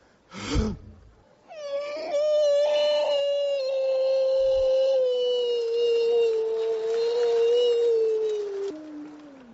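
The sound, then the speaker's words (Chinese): A man's voice imitates a wolf howl while clearing his voice to warm up for vocal practice: after a brief thump, one long, loud, sustained wail that slowly sinks in pitch over about eight seconds before breaking off. “这是狼叫唤呢。”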